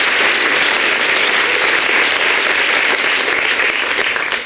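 A crowd claps steadily and loudly, a dense wash of many hands applauding without pause for the whole stretch, with no voices standing out.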